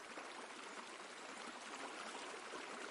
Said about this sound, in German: Das Wasser muss weg. Jetzt haben wir es gleich. Gleich sind wir durch. Achtung, Wasser kommt.